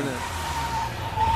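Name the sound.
car arriving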